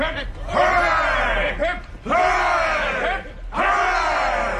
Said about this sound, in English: A cheer for Captain Smollett.